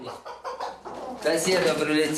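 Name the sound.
chickens clucking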